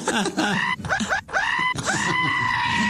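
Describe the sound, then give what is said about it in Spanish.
A voice imitates a pained scream: a few strained, wailing cries in quick succession, ending in one long drawn-out howl, loud with no other speech. “¿Cómo grita?”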